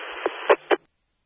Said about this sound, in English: You know what it sounds like? It sounds like that white noise app that you get for sleeping. You know, it's that just a steady, you know, noise that blocks out your thoughts and everything else. So. That's sort of what it sounds like.